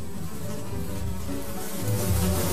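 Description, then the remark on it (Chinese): Steady buzzing of several flies in Mengzi in April and May, a continuous droning hum that swells slightly louder near the end, with no voices present. “4、5月间，蒙自苍蝇真多。”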